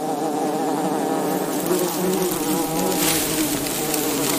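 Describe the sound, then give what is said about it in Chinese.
A small group of male wasps buzz together in a steady, overlapping drone as they patrol the entrance of their underground colony in the sand of a dry desert, their wingbeats forming a dense, wavering hum with shifting pitch. No voices. “一小群雄性分蛇峰在他们的城市入口巡视着。”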